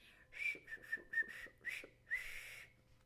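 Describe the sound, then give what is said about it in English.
A funny little whistle of pure joy given by Johnny Chuck on his doorstep: a bright run of short chirpy whistled notes, several quick bursts ending in a longer, wavering note, with no talking. “He would come out on his doorstep and smile and sometimes give a funny little whistle of pure joy.”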